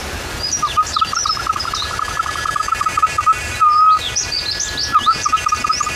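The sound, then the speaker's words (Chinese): A bamboo whistle, a natural instrument made from Wuyi Mountain bamboo, imitates a bird call with rapid fluttering chirps and higher sliding tweets, broken by a brief held tone before the trilling resumes. Fairly loud, and nobody speaks. “模拟鸟叫的声音，还有另外一种鸟，这是一种鸟叫。”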